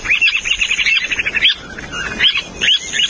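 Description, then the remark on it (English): A Semipalmated Plover (Charadrius semipalmatus) calls in a rapid run of high, clear chirps, then pauses and gives a few separate whistled notes, fairly loud, with no voices. “And to avoid further controversy, we'll wrap up by using the scientific name for today's Talkin' Bird's featured feathered friend, Charadrius semipalmatus.”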